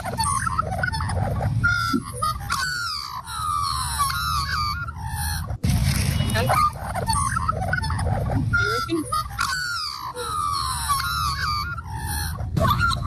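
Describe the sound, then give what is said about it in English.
An Australian magpie's loud, continuous warbling carol, with fluting, gurgling notes tumbling over one another for several seconds against a low, steady background rumble. “That's a magpie.”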